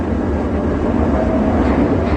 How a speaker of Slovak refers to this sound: V električke je zrazu neznesiteľné ticho. Ľudia začínajú tušiť, že sa deje niečo zlé. Počuť iba vrzganie vozňov, ktoré sa rútia dolu kopcom.